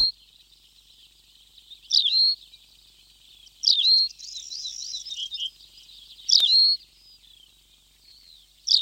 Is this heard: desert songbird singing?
yes